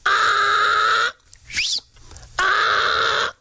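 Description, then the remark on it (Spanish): Someone in a school classroom imitates a donkey's bray while the teacher speaks: two loud, drawn-out nasal calls, each about a second long, separated by a brief rising squeal-like intake. Forceful, with no talking. “y cada vez que el profesor hablaba, se escuchaba por allá al fondo el rebuznar de un burro.”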